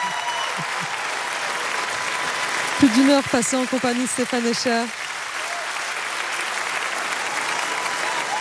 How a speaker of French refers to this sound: Les applaudissements ne s'arrêtent pas.